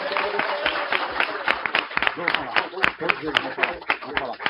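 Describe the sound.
A small group applauds a participant in the red gelatin campaign with brisk, uneven clapping for about four seconds, while voices and chatter carry on underneath the claps.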